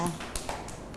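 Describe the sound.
Children clap in a brief, uneven burst of a few sharp, scattered claps, moderately loud, with faint voices murmuring underneath.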